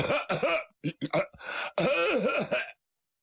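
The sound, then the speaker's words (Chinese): A man's voice imitates loud throat-clearing coughs, acting out the storyteller's character Feng Zixiang clearing his throat to announce his return home, several gruff bursts in quick succession ending in a longer, drawn-out rasping hack, forceful, then silence. “这冯子祥啊，离他们家门不远，他有个毛病，叫亮嗓。怎么叫亮嗓？他得咳嗽几声，跟家里人先打个招呼。”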